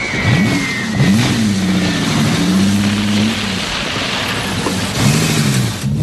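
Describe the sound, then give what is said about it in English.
A car engine revs loudly, its pitch climbing and dropping several times as it accelerates, with a steady rumble underneath and no voices. “Tracy runs to her convertible as the guard's car backs up.”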